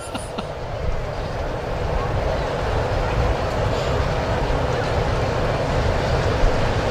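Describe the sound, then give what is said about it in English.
A freight train rumbles past a baseball park during a game. It is a loud, steady low roar with rattling, clanking texture that holds constant for several seconds without fading. “Freight train.”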